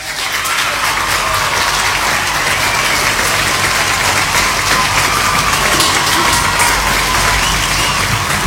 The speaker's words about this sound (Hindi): उन्होंने भी सही जवाब दिया है, तो बाकी सब ने बिल्कुल सही जवाब दिया है, इसलिए आपके लिए यहाँ पे भाई स्पेशली बजेंगी तालियां।